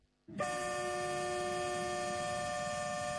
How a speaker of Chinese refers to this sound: 在义乌铁路西站，一列满载日用百货、汽车配件、机械设备等货物的浙江中欧班列一新欧缓缓驶出，经满洲里口岸出境，驶向俄罗斯。